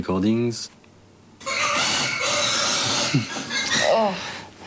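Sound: pigs grunting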